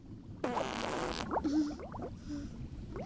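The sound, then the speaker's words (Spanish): A burst of bubbly, sputtering underwater noise, like a fart released beneath the surface, followed by a few gurgling bubble pops and a low watery rumble. “¡Burbujas! ¡Qué asco!”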